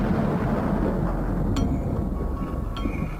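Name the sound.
thunderstorm thunder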